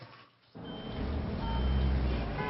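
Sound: city bus pulling up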